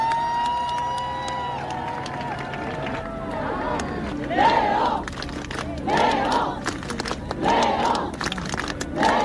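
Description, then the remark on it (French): A large crowd of about 800,000 people at Place de la Concorde and along the Champs-Élysées cheers and shouts in acclaim as Pope Leo XIV arrives: a sustained roar of many voices with rising swells of high-pitched whoops and yells that come in waves, growing louder toward the end. “Et enfin, sous les acclamations, le pape Léon XIV arrive.”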